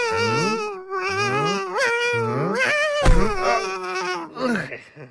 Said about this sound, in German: Da schreit doch einer. Ja, genau. Ein Seeungeheuer. Was? Bist du sicher? Ja, klar. Siehst du hier sonst noch jemand anderes, der schreien könnte?